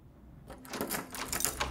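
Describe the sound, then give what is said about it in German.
A key, the wrong one, scrapes and rattles in a lock, with a quick run of metallic clicks and jiggles after a brief quiet start. “Falscher Schlüssel.”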